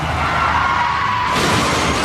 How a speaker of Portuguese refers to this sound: Chefe está capotando.